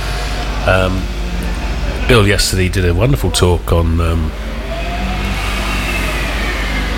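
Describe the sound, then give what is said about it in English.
Buses rumble past outside, a steady low engine drone under a person speaking, then a rising engine whine fills the pause after the talking stops. “oh, my goodness. Buses.”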